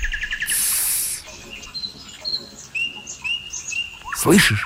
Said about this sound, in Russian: Слышишь? Соловей. Вообще-то соловьи начинают петь к вечеру и поют всю ночь. Но их можно услышать и днем, после дождя, как сейчас. Соловей считается самым искусным певцом. Он, наверное, большой и нарядный.